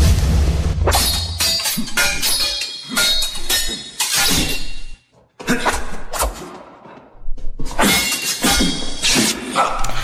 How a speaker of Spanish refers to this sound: Esta película, en la cual también se basaron nuestros protagonistas de hoy, pues tiene que ver con duelos de espadas, como lo estamos escuchando. Duelos que se llevaron a cabo hace miles de años en grandes guerras.